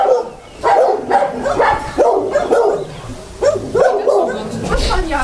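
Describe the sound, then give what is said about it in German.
Several dogs in outdoor kennel runs in a back yard bark and yelp continuously in overlapping bursts at a group of strangers, fairly loud, with a slightly echoing feel and occasional whimpers mixed in. “Da könnte es jetzt gleich ein bisschen laut werden, wenn die Hunde alle anfangen zu bellen.”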